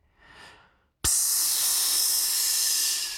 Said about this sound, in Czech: Otevírají se dveře cestovní kapsle a Luky už mává na své spolužáky.